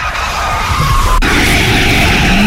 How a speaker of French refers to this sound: Oh, un nouveau dérapage.